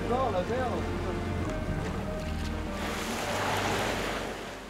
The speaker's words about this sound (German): ziemlicher Seegang heute, das kriegt auch … zu spüren. Unterwegs im Rhythmus von Wind und Wellen.